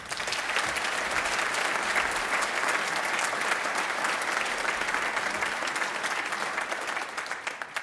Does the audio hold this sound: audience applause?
yes